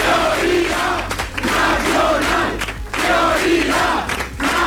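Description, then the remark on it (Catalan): A crowd at the Vox party headquarters shouts a rhythmic chant together, "¿Dónde está la mayoría?", loud and sustained, with repeated phrases rising and falling in waves and a low steady hum underneath. “Es cridava la seu de Vox i no era l'únic crit.”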